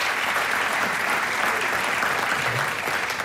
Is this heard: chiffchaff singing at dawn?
no